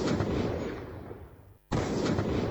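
Two loud shotgun blasts fired in quick succession at a giant spider, each a sharp booming crack with a long rolling echo; the first reverberates and fades before the second fires a moment later, powerful.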